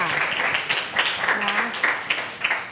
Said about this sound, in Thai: ปรบมือเพื่อนหน่อยค่ะ